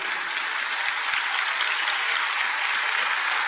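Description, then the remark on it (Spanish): A crowd claps steadily in a dense, continuous wash of applause, loud and even throughout with no voices on top. “Si el aplauso fue para mí, muy bueno, pero si es para el Señor, que sea más fuerte y que sea de pie.”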